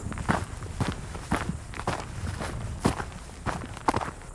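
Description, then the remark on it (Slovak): Steady footsteps walking at an even pace, about two steps per second, each a crisp crunching thud on a rough surface, with no talking, as someone walks to a working spring by a cabin. “Idem ešte k prameňu.”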